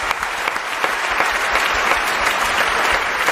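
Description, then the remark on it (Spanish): A crowd claps steadily throughout, a dense, even wash of applause from a sizeable audience with no break and no voices. “Bueno, pues un aplauso para este nuevo amigo que acabamos de hacer, por favor.”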